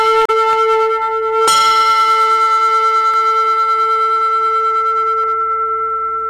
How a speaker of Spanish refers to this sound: Campanas que suenan porque ya llegó el 33 de Asunción.